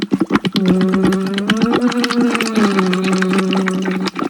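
Rapid, steady bubbling through water while a voice hums a sustained, gently wavering tone underneath as a vocal warm-up exercise, the bubbles popping in a dense, regular stream for several seconds.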